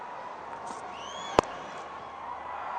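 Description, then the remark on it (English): A cricket crowd cheers in a steady, even roar after Tim David sweeps the ball for four, with a sharp single crack about halfway and a couple of faint rising whistles above the noise. “A huge cheer from the crowd.”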